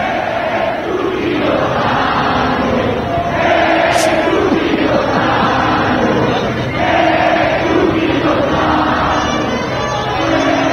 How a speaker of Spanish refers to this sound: La gente empezó a corear el nombre de un gran jugador mexicano que ni siquiera fue convocado en esta ocasión a la selección